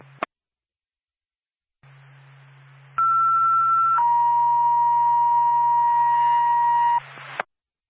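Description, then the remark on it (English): An ambulance dispatch alert tone for Bethlehem Ambulance over radio hiss: one loud, steady high tone holds for about a second, then drops to a lower tone sustained for roughly three seconds before cutting off. “Stand by for tone.”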